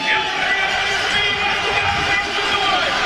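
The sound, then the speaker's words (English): A large stadium crowd in Edmonton roars and cheers steadily during a football game, a loud, dense wall of voices that stays at full volume for the whole few seconds. “And the crowd comes alive here in Edmonton.”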